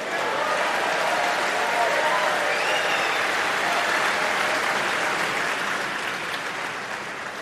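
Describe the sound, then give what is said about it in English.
An audience applauds steadily and loudly for several seconds for the crew who untangle the cables, a dense wash of clapping hands that stays even throughout before easing off slightly near the end. “How about a round of applause for the beautiful people that untangle the cables?”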